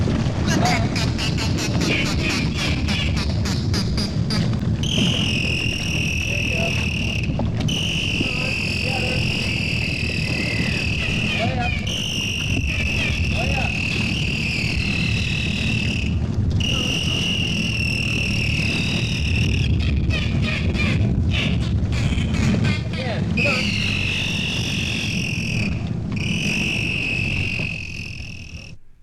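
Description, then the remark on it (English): A trainer works with two bottlenose dolphins, one trained to mimic human laughter and the other a canary: loud, sustained high whistles with rising and falling pitch, broken by bursts of rapid clicking, over a steady low rumble. “We're currently listening to the sound communication by the … LP on Leprechaun Records.”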